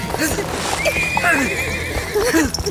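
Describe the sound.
Horses neigh loudly, one long shrill whinny rising over the others, while hooves clop unevenly underneath and voices murmur in the background.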